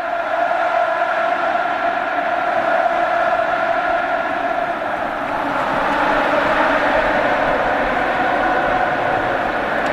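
A big stadium crowd roars and applauds from the stands in a dense, continuous wall of noise, swelling a little louder about halfway through and staying steady to the end, while Joaquín applauds, very moved, in the stands and people there cry with emotion.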